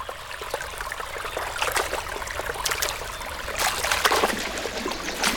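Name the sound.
fish splashing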